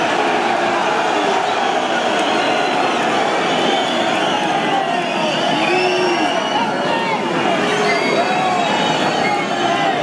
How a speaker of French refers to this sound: Et la bronca, la réclamation, les hurlements, la manifestation du public qui augmente.